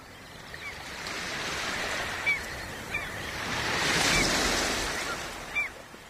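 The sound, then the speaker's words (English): Ocean waves wash steadily onto a shore, swelling into a louder surge near the middle before easing back, with a few short bird calls piping faintly over the surf. “As the birdsong rises and the waves roll in, picture the Isle of Lewis as it would have been in the late 1940s.”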